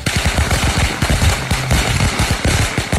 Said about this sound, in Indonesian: Sopo ta iki awan-awan kok nyumet mercon, gak mrebeki tenan. Gak suarane cedok banget ki.